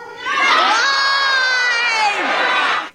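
A large crowd at a debate after party cheers wildly, a loud, sustained roar of shouts and high-pitched yells that swells quickly and holds steady for a few seconds before cutting off.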